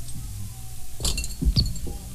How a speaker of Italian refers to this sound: Ecco, sì, insomma, avete sentito, era stato un bicchiere di vetro lanciato.